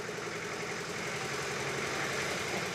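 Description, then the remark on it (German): An old 1964 Deutz D30 tractor engine runs at a steady idle, a continuous rumble with a faint knocking chug underneath and no voices. “Andere fahren. Alte Traktoren.”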